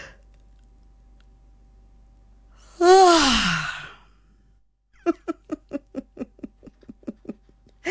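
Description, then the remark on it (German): A single deep, deliberate yawn, voiced and sliding downward in pitch, fairly loud. Shortly after comes a quick run of about a dozen short, breathy, giggle-like bursts. “Beim tiefen Gähnen, probieren wir das jetzt einmal wirklich willentlich, oder anfangen.”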